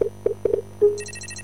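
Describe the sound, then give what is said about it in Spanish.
A short jingle from the Enjoy Rewards phone app when it is downloaded: a few quick plucked tones around the same pitch, a longer sliding note, then a rapid high chiming trill that repeats in bright pulses. No speech. “¿Sabés cómo suena la app de tu lugar en el mundo cuando la descargas?”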